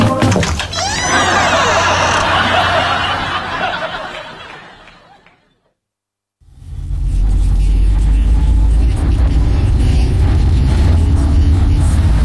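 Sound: car driving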